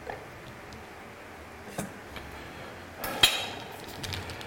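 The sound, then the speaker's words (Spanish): A knife slices through food on a cutting board, cutting it roughly in half into two pieces, with a few sharp taps and a louder crisp cut near the end, over quiet background noise. “Bueno, voy a ayudar un poquito cortando esto así, un poco a la mitad, o en dos trozos.”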